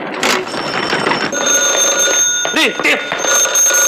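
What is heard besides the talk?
telephone ringing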